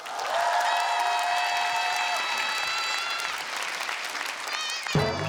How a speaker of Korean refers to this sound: 커다란 박수로 여러분 청해 듣겠습니다.